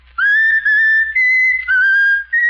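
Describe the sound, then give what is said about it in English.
Raffles, a pet bird, whistles a tune after being asked to whistle 'My Country, 'Tis of Thee', a string of clear, sustained high notes in short phrases with brief pauses between them, and no talking. “Now whistle my country tis of thee, Raffles.”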